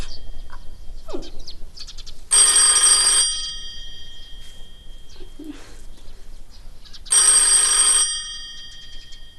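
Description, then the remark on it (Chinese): A telephone bell rings in two loud, bright bursts of about a second each, separated by a pause, with faint bird-like chirps and low murmurs in between. “哎呀，电话，齐老爷，电话。”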